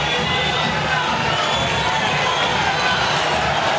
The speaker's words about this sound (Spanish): La platea él está brava. Algunos aplauden, otros insultan. Escuchá, escuchá la bombonera. Aliento por ahora.